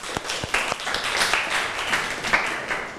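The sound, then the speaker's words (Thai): A class of students applauds, at the teacher's request, after an educational video clip, with dense, overlapping claps that hold steady for about three seconds, a few sharper individual claps standing out near the start, with no talking over them. “ค่ะก็ได้จบลงไปแล้วนะคะสำหรับคลิปสาระดีน่ารู้วันนี้ครูก็ต้องขอเสียงปรบมือให้กับคลิปสาระดีน่ารู้ในวันนี้ด้วยค่ะ”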